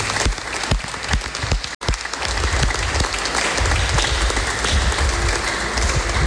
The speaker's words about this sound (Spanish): Un aplauso para nuestra quinceañera.